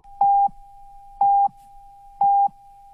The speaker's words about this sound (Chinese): 中国移动为您整点报时。